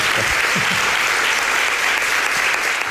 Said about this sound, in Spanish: Jesús Callejo, como siempre, te llevas este aplauso.